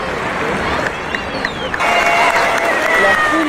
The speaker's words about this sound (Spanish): la gente aplaude a los jugadores de Burkina Faso porque llegaron a la Argentina.